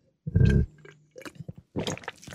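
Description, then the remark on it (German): Someone takes a wet sip of a drink, followed by a few soft swallowing and mouth sounds, with no talking. “Ich dachte, ich nehme erstmal einen Schluck.”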